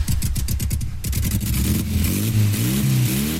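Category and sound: vehicle, motorcycle engine revving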